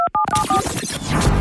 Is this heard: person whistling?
no